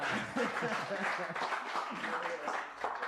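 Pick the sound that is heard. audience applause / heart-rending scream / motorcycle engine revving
audience applause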